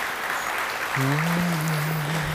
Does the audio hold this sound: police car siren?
no